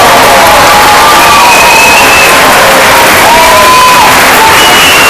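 A protest crowd of hundreds, many holding keys in hand, at the intermodal station of Santiago, Galicia, at night makes a dense, steady roar of many voices, with cheers and shrill whistle-like shouts rising above the din throughout.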